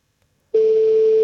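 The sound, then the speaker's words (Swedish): After half a second of silence, a loud, steady telephone call tone begins at a single pitch and holds unbroken to the end, with no voices; a phone call that goes unanswered. “Personen du söker är inte tillgänglig. Nej, då ringer jag väl igen då.”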